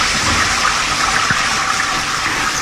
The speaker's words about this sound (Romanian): Cine a deschis robinetul de la duș?